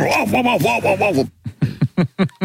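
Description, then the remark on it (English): A dog whimpers in a wavering, high-pitched whine, then lets out a quick series of about six short, sharp barks, fairly loud, with no talking, heard during an interview. “led to a whole bunch of people questioning whether or not there was actually a dog there or whether he was just dodging questions with the help of an imaginary dog, imitating the sound of his own dog during the interview.”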